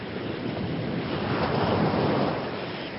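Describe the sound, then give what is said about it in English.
Rough sea waves on the 14-hour ferry crossing from the Scottish mainland to Shetland surge and crash in a steady, loud wash of noise, with gusty wind buffeting the microphone throughout and swelling slightly toward the middle. “And it travels through some of the roughest seas you can imagine.”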